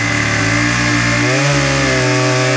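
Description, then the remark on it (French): A chainsaw engine runs loud with a steady, buzzing drone, its pitch dipping slightly partway through as the motor labors, then holding on at full throttle. “Cette histoire commence au son d'une tronçonneuse.”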